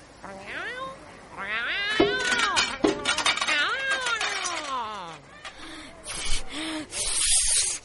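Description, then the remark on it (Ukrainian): A cat meows and yowls repeatedly, its drawn-out cries rising and falling in pitch, with a few faint clinks and rustles in the background, as it climbs onto a trash bin. “Ось кіт на бак для сміття виліз.”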